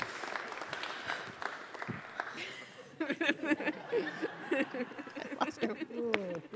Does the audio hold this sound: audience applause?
yes